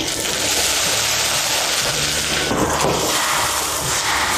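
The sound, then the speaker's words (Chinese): Braised pork (hong shao rou) bubbling in sauce in a pot with ginger slices, Sichuan peppercorns and cinnamon, brought to a boil over high heat: a steady, dense crackle of simmering bubbles and hiss that holds at an even loudness throughout, with no voices. “锅里的咕嘟声听着就让人咽口水。”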